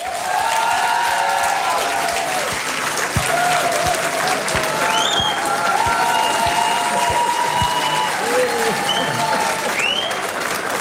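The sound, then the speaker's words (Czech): Sustained applause from an audience, including bar staff, welcoming television presenter Libor Bouček as a guest on Radiožurnál, dense and steady throughout, a loud wash of many hands clapping at once with some voices audible beneath it. “Musím říct, že mě pochopitelně potěšil ten aplaus, ale myslím, že musíme posluchačkám a posluchačům sdělit i to, že zde je obsluha a v případě mého jména dokonce i jedna barmanka zatleskala, což odkazuje, ano, děkuji mnohokrát.”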